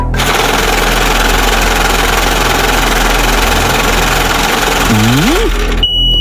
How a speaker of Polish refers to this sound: No, kierowniczko, odpalaj maszynę losującą.